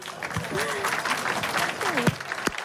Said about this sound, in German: Ein Applaus